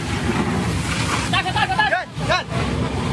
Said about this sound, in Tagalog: Ganyang kalakas ang water cannon mula dyan sa China Coast Guard kaya magkakalapit dito sa atin.